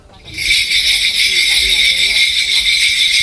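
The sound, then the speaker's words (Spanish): A dense, continuous jingling of many small bells during a shamanic ritual called gut starts after a brief pause and shimmers on steadily and loudly, like a shaken cluster of bells, with a faint low murmur underneath. “Pues parece que llega Papá Noel, ¿no? Sí, para el trineo.”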